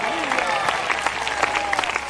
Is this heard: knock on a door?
no